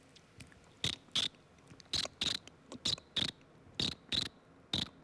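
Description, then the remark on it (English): A cricket-like chirping made only by the friction of grinding teeth, without mouth pressure or sucking in, crisp, coming in quick double clicks that repeat about five times at a steady rhythm with no talking. “It's like a cricket sound, you know?”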